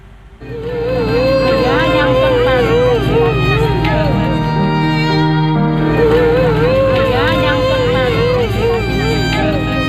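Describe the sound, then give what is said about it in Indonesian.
A middle-aged woman, the wife of a boat captain, wails and sobs hysterically, loudly and continuously, her voice rising and wavering in long anguished cries, as a search-and-rescue boat arrives at Marina Carita pier in Pandeglang, Banten, on a Wednesday afternoon, with a steady murmur of background noise beneath. “Tangisan histeris wanita Parubaya ini menyambut kedatangan kapal tim SAR di Dermaga Marina Carita Pandeglang, Banten, Rabu sore.”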